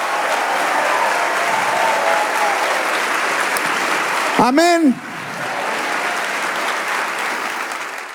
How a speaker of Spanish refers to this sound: Confía en los tiempos de Dios. Si le va a dar ese aplauso, dele ese aplauso.